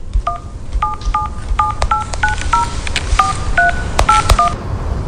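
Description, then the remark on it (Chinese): A rapid series of mobile phone keypad dialing tones as a teacher calls a pupil's mother, about a dozen short dual-pitch beeps in an uneven rhythm, over a low background rumble with no talking. “送走壮壮爸爸后，杨老师又从手机上调出浩浩妈妈的电话号码，很快给浩浩妈妈。”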